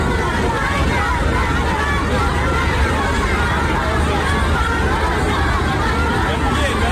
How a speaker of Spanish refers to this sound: y fueron los niños, las filas de cientos de estudiantes de colegio que representan la juventud de China, quienes estaban brincando y ondeando banderas de los Estados Unidos y China, rindiendo honores a ambos líderes. Así se escuchó el momento.